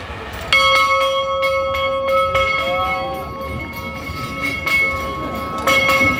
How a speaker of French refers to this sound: Je vous invite maintenant à faire silence pour essayer d'entendre retentir cette cloche.